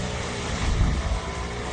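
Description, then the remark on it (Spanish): A loud, steady roar of race car engines, a deep rumbling drone that swells briefly in the middle before settling back, with no voices. “Ya empieza el rugir de los motores.”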